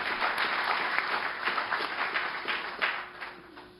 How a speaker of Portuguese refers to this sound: pode aplaudir a Jesus.